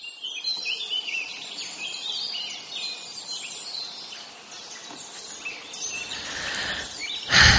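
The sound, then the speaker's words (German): Several birds chirp and sing continuously, with bright overlapping tweets and trills over a soft outdoor background, ending in a brief louder burst of noise. “Die Vögel zwitschern, die Blumen blühen und überall laufen Tierbabys herum.”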